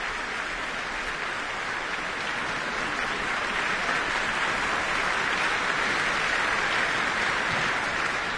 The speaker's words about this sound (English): Applause for concertmaster Vesa Matilepinen.